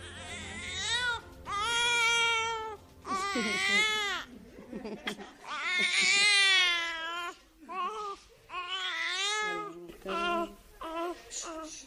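A newborn baby cries up close in a series of loud, strained wails, each burst broken by short gasping pauses, with no one speaking.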